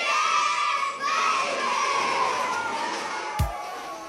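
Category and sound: ambience, children shouting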